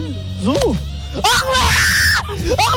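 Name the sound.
man screaming loudly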